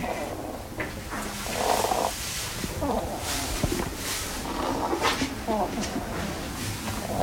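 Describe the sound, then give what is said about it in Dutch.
A hedgehog named Koos, which has lungworms, breathes with a rough, rattling wheeze, a steady snore-like rasp that keeps going in uneven pulses over low rustling. “En misschien dat je de microfoon ook even bij Koos kan doen, want dan hoor je dat hij ook een beetje een reuteltje heeft.”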